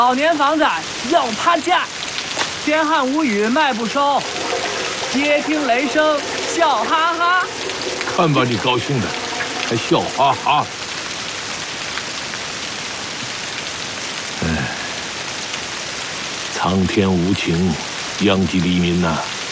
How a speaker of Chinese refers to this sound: 天上下雨，地下滑，老年房子要趴下。